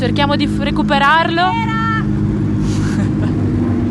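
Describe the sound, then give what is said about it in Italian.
Race car number 39 arrives, its engine droning loudly and steadily throughout, a deep continuous hum, while a man talks over it in the first half. “Adesso arriva la macchina 39, cerchiamo di recuperarlo.”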